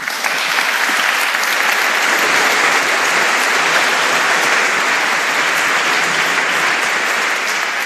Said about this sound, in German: Nochmal ein Applaus für dich.